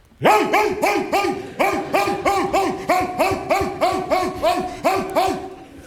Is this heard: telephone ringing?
no